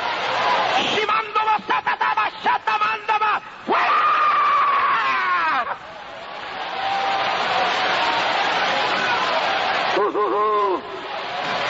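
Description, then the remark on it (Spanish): A large audience at a worship service shouts and yells together in praise of God, in loud, overlapping cries, with rising and falling voices over a dense crowd roar that continues without pause. “Levante ese grito al cielo y alabe a Dios ahora, pueblo.”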